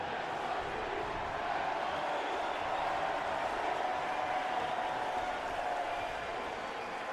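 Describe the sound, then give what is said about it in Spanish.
A large stadium crowd of football fans roars and chants together in a steady, dense wall of voices at an even loudness, with no single voice standing out. The chant comes from the New York City FC supporters as fans wait for the Timbers and New York City FC to take the field. “El grito a la derecha de NYC, que lo pueden escuchar.”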